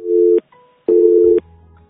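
A telephone line tone sounds on an unanswered listener's call to a radio programme: two steady, fairly loud electronic beeps with a short pause between them, followed by a faint low hum on the line.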